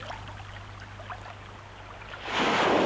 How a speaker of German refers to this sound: Jede 9. Welle schlägt an den Felsen. 9 mal 9. Mal 9.